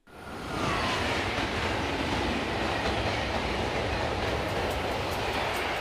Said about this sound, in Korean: 우리 열차는 잠시 후 마지막 역인 포항역에 도착하겠습니다. 미리 준비하시기 바랍니다.